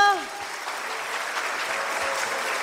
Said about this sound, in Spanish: Muy buenas noches, con el permiso de todos ustedes. Quiero un fuerte aplauso que se escuche aquí hasta el cielo para nuestro divino niño.